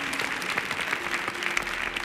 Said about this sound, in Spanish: Fuerte el aplauso